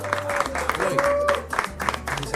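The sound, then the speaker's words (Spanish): A studio audience claps steadily and fairly loudly for a couple of seconds, a dense patter of many hands, with a voice and faint tonal sounds threading through underneath. “Un aplauso muy fuerte, ¿eh?”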